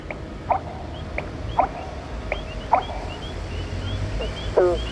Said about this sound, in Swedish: Skulle kunna vara experimentell fågeln. Ja, det här är den stora rördromen, den amerikanska rör.